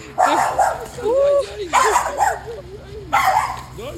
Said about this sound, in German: Hier geht eine Frau Gassi mit ihrem Hund. Das schauen wir uns mal näher an.